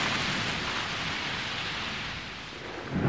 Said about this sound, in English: Storms come in the warmer months of the year, bringing torrential rain, strong winds and lightning strikes, ripping holes in the canopy. Branches can snap off, burdened by the added weight of epiphytes and vines.